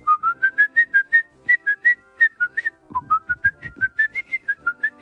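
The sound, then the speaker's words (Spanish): A person whistles a brisk, familiar film tune, a steady run of short, evenly spaced notes rising and falling, with a brief low rumble partway through. “Es lo mismo que si alguien se pusiera a silbar dentro del mundo del cine cosas como”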